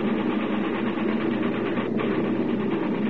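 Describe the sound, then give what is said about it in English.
A steady, loud drone of a bomber's heavy engines, with head temperatures on engines 1 and 2 over the red line, runs unbroken throughout, a dense rumbling hum with no voices over it. “These engines have got to get us back.”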